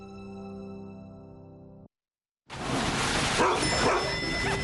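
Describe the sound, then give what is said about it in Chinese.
A dog being walked without a leash barks a few times against a loud, hissing background, following a steady humming tone that cuts off into a short silence. “哎，我说，你出门遛狗怎么不拴绳呢？”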